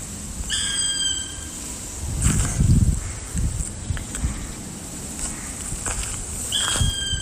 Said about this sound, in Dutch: De roep deed haar aanvankelijk denken aan een buizerd, maar toch anders. Ze schrijft: je hoort een zwarte specht. Ja, wat mooi. Wee, ja, het lijkt wel op een buizerd.